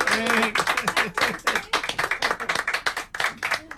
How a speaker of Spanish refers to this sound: Después de unos 50 minutos de recorrido de esta línea que tendrá una salida cada hora, el reconocimiento se transformó en aplauso para una conductora de primera. Bueno, un aplauso para la conductora.